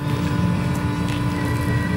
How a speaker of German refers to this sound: So klingt es, wenn Tobias Wagner seinen 800 PS Lkw auf die Bühne der IAA bewegt. Es ist ein Elektro-Lkw von Mercedes-Benz.